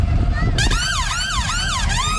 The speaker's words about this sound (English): What noise does a fire engine make? Nino, Nino.